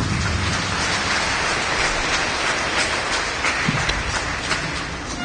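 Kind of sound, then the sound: crowd, audience clapping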